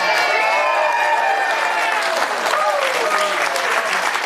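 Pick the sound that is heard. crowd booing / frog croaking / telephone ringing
crowd booing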